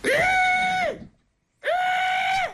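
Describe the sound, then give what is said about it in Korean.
A voice on a phone call imitates the cry of a water deer (gorani) of the mountains: two long, strained, high-pitched screeching wails separated by a short pause, each loud and harmonic-rich, with no speech between them. “고라니 우는데 저 처음 들었네.”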